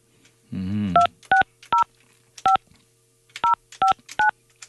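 A phone keypad is dialed to call the next challenger: about ten short, clear dual-tone beeps in uneven clusters, fairly loud, preceded by a brief warbling tone.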